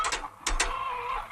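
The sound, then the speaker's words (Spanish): A hen clucks in a few quick, sharp bursts followed by a drawn-out, wavering call, loud and clear with no one speaking over it, in a scene from a Berlanga film. “Esta no ha puesto hoy, señor Marqués. No puede Buenos ser, días. Está de huevo diario, un momento. Mira bien. Que no, señor Marqués. Dame la gallina.”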